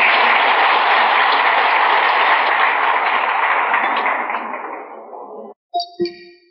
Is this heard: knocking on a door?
no